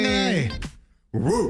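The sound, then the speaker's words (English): A person mimics a dog with two strained, howling barks separated by a short pause, the voice sliding in pitch and sounding loud. “It's either giving a dog in puberty or a dog about to die, fool.”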